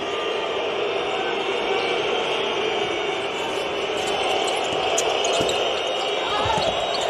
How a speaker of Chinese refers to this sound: 今天是来了很多奥林匹亚科斯的球迷。相对啊，从我们的观感上，刻板印象应该奥林匹亚科斯球迷会呈现压倒性的优势，大家可以从这个嘘声当中能够听到一些状况。